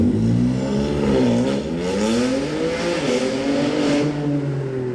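A loud car roars by on a narrow, potholed street between apartment blocks, its engine revving hard so the pitch climbs, dips and climbs again as it accelerates past. No voices, just the continuous engine noise.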